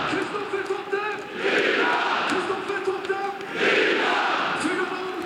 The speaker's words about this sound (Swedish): Ja, för nu har Norrköping gjort 4-0 i superettamötet mot GIF Sundsvall. Det är rutinerade Kristoffer Totte Nyman som gör sitt 18:e mål den här säsongen i den 88:e matchminuten, och ni kan väl höra publiken.